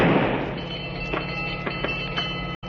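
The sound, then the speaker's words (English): A single loud blank gunshot, fired as a warning to halt a ship for search, bursts out at the start and decays quickly. A steady low ship-engine drone with a few faint knocks remains. No one speaks. “That was a blank, a warning.”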